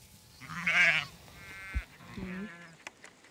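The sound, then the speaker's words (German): A sheep from a shepherdess's flock on pasture bleats loudly once in a wavering, nasal cry, followed by a second, softer bleat, with brief thumps and faint rustling in the background. “Man merkt eigentlich an den Schafen, wenn wir jetzt abends rausziehen, die dann noch lamm, die bleiben meistens zurück.”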